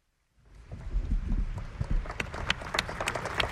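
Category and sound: crowd, applause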